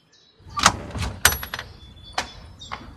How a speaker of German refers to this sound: Bitte öffne die Tür. Wir wissen genau, dass du da bist.